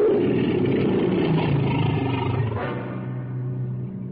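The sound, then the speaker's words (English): A tiger lets out a deep, gravelly roar, loud and unbroken for about four seconds, its rumbling growl easing slightly toward the end. No one speaks. “On the ground is the mad Mem Sahib, and she is almost twisting the whiskers of the terrible tiger.”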